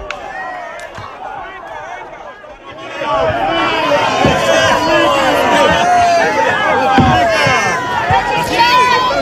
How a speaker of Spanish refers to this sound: Como decíamos, podemos escuchar la emoción, la alegría de los fieles que se han congregado en el Vaticano para esta tradicional cita de cada miércoles por la mañana. Es un día realmente precioso en la Plaza de San Pedro.